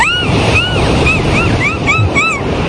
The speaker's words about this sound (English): She's let me get some great ocean sounds here if we sit have down for this one.